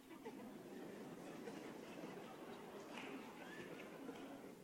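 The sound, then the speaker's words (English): A steady, muffled rumble of a London Underground Bakerloo line train passing beneath a church, continuous for several seconds with faint rattling and hiss, fairly quiet. “And there goes the Bakerloo line.”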